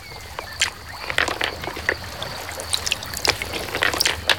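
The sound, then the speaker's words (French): River water flowing steadily over pebbles, a continuous rushing wash broken by frequent bright splashes and gurgles, with no one speaking. “On va remonter la rivière?”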